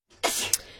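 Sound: sneeze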